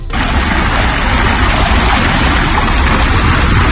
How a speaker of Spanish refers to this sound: La escena es en Jávea, frente al mar. Te cuento de manera repentina, el nivel del agua baja considerablemente. Es un fenómeno conocido por la ciencia y que se llama meteotsunami. Se suele dar todos los veranos con más o menos intensidad.